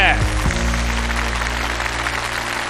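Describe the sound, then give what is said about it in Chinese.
An audience at a televised stage contest applauds a competing team after its performance, in a dense, steady wash of clapping that lasts the whole moment, with a low sustained musical drone humming underneath. “再次掌声送给他们，谢谢。”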